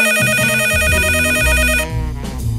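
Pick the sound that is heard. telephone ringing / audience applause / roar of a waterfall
telephone ringing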